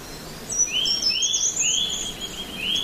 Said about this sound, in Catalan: Ens fa somriure, però no com algo cultural que somriem, no, és que ens fa somriure, ens canvia l'expressió de la cara. Sentir els 5 minuts al dia el so dels ocells està demostrat que és molt beneficiós